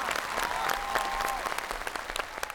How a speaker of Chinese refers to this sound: 我们这一轮的对决结束了，掌声给他们。